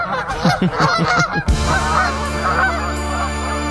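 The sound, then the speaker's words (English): A quick run of eider duck calls, several hoarse cooing notes close together, gives way after a sudden cut to a steady, sustained tonal hum with no talking. “This is the sound that an eider duck makes.”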